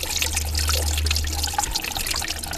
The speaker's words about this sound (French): Ce bruit de ruisseau que vous entendez, c'est le Rittigraben. Mais ce ruisseau peut devenir torrent.